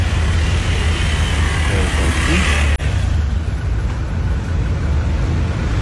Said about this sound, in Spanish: Estamos atrapados por aquí, a todo el sector de la 70. Ok, ok. Aquí, pueden observar. Por acá, la cola está grandísima. Está larga, está larga, ¿no? Los carros.